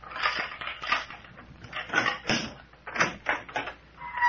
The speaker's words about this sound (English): I sure am, and I'm going to throw open the door.